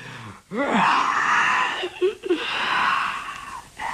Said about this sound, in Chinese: 为首的那个景玉没说话，先打了个哈欠